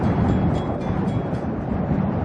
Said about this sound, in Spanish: En la meseta de Somuncurá, el viento no es solamente parte del paisaje, es una presencia permanente. Recorre las piedras, atraviesa los cañadones y cruza kilómetros de estepa sin encontrar demasiados obstáculos.